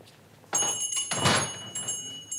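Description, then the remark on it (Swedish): A pharmacist pushes the pharmacy door shut with a dull thud at closing time, followed by a louder clunk as he locks it, with a faint ringing tone lingering in the background. “Han låste dörren ordentligt efter barnen och tänkte på att nu skulle det bli skönt att komma hem och få en bit mat.”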